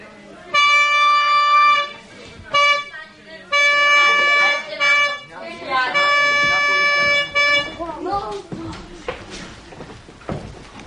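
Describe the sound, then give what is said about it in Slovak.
A loud trumpet sounds a signal call for everyone to assemble: a few held brassy notes with short gaps between them, followed by a stretch of noisy commotion and faint voices. “Pán pobočník, zatrúbte signál, všetci ku mne.”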